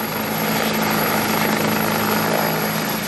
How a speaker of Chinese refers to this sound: 清晨，随着指挥员一声令下，十余架挂载实弹的武装直升机依次升空，以超低空编队方式隐蔽出航，直扑目标区域。